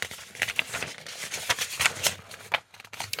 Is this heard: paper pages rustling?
yes